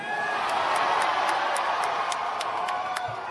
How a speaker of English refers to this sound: But here's the big announcement. You can hear the crowd reaction. Canadian Ryan Gosling. Is this really happening?